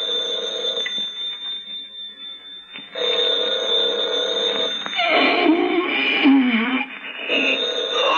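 A telephone rings loudly and insistently, its bright electronic trill repeating in long bursts with a brief pause between them, growing busier and warbling toward the end.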